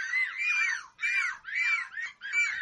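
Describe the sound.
Four shrill, wavering gull-like cries follow one another in quick succession, loud, each rising and falling in pitch. They sound like human voices imitating seagulls, with no speech.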